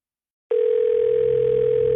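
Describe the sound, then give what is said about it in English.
A steady telephone dial tone before a call starts abruptly after half a second of silence and hums on, loud and unbroken, with no voices. “It took me a long time to make this call.”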